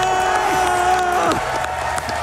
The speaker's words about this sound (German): Hört mal, wie das Publikum da abgeht.